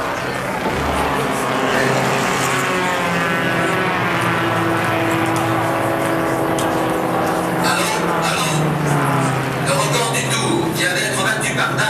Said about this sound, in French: 4 heures. Le drapeau tricolore s'abaisse. Les pilotes courent à leur voiture et démarrent. Tout de suite, les deux Ferguson prennent la tête.